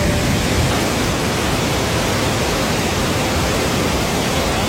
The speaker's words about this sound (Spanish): Y claro, pues sonido clásico de lluvia cuando ocurre.